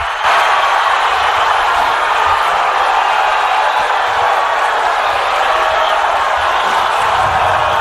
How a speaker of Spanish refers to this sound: Convocó finalmente Carlo Ancelotti a Neymar. Estos aplausos son para la convocatoria de Neymar. Suponemos que si no hubiese hecho Neymar hubiesen sido pitos, porque la gente estaba enloquecida.